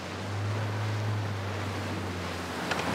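A steady low engine drone hums beneath a broad wash of water and wind, like a boat cruising on the Kieler Förde near Laboe, Germany, with waves rushing past. No one speaks.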